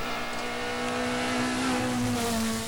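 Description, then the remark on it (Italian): A rally car engine drones steadily, its rumbling tone rising slightly as the car rolls slowly into the service park. There are no voices, just continuous motor noise throughout. “Si stanno iniziando ad arrivare le vetture qui al parco assistenza, c'è stato un momento di pausa”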